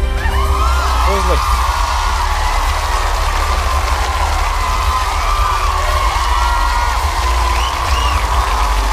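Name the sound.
applause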